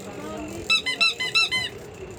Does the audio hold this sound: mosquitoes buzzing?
no